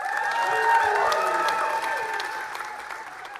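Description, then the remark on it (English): A large crowd applauds loudly and steadily after Andy Burnham's victory speech on winning in Makerfield by more than 9,000 votes, a dense wash of clapping with a few cheers mixed in, holding strong throughout before easing slightly toward the end. “Andy Burnham enjoying the applause, a victory speech after an incredible victory, winning by more than 9,000 votes.”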